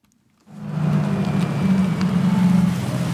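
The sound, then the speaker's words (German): After a moment of silence, a small blue electric minibus with a driver at the wheel rolls in almost silently: a low, steady motor hum with soft road and wind noise, continuous, with no one talking. “Fast geräuschlos kommt der kleine, knuffige, blaue Elektrobus angefahren.”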